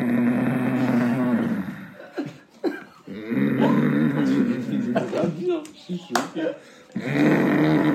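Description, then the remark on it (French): A voice imitates a father's loud snoring, with several long, rumbling, nasal snores separated by short pauses, fairly loud. “Genre le signal, c'était quand son père il ronflait, mais comme un...”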